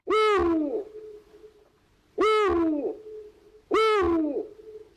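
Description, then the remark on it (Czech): An owl hoots three times at a steady, unhurried pace, each call loud and rich-toned with a slight downward fall, separated by short pauses of quiet. “Jo, my už to víme přeci, holky a kluci, tak 3, 2, 1, sova, jo.”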